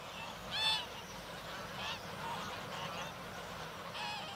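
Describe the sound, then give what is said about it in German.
A goose being chased by a raven honks loudly once, then gives a few fainter, scattered calls against a steady outdoor background, with no voices. “Der Rabe jagt so lang, bis die Gans erschöpft anhält.”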